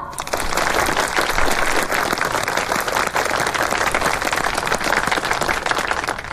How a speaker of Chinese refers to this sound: 各位同仁，各位亲友，让我们以热烈的掌声感谢黑田大佐。